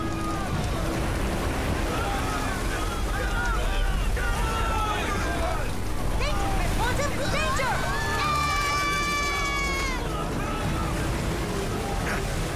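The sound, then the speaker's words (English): Roaring storm wind and crashing waves surround a boat in a steady, loud wash of noise, with voices calling out over the din and a sustained tonal wail near the end. “That storm is coming fast.”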